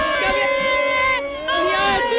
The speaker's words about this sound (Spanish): Bueno, aquí ya de todo, ya de todo. Aquí la gente, estoy metida en corrillos, la gente no para de tirar copas, de gritar, de bailar.